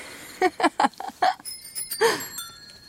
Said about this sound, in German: Auf jener Straße klingeln gleichzeitig 3 verschiedene Radler. Der mit dem dunklen Ton ist der letzte und hat bereits Licht. Aber der mittlere ist schneller wie der vordere gefahren.